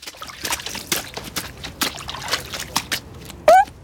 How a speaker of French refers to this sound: traverse la flaque en traînant ses bottes en caoutchouc dedans